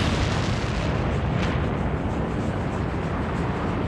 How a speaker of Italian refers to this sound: Il viaggio è lento e dura tutta la notte. Ad un certo punto lo sferragliare dei vagoni viene rotto da un boato tremendo.